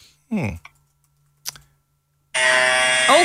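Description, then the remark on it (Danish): An electric hair trimmer sound from a phone app starts abruptly and buzzes loudly and steadily with a rich, raspy drone for about a second, after a brief voice and a single click; the device also vibrates. “Ej, den er meget voldsom trimmer. Ja. Men den vibrerer også.”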